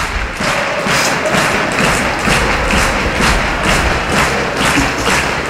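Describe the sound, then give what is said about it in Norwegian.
A football crowd at Aker Stadion stands and claps in a steady, rhythmic beat, about two to three claps a second, during the final added minute of a Molde match, over a loud continuous roar of crowd noise, with no one speaking. “Publikum har reise på Aker stadion og står og klapper, og det bra.”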